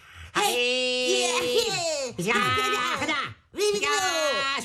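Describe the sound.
Voices imitate martial arts fighting into a microphone with three loud, drawn-out cries that rise and fall in pitch, separated by brief pauses.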